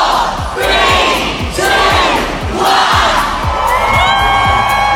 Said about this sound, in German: Also abertausende Fans haben sich auch heute versammelt, haben den Countdown gestartet um kurz vor 11.